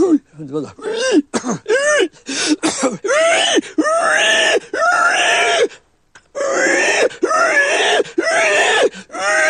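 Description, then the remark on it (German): Charlie Dörfel imitates a dying pig with loud, strained throaty squeals and groans, a string of repeated wailing bursts whose pitch swoops up and down, broken by a brief pause midway. “Das sterbende Schwein, das ist ja mein Paradetier gewesen, ne?”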